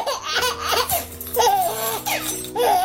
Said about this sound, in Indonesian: Dengarlah suara bayi Papua, suara bayi Kalimantan,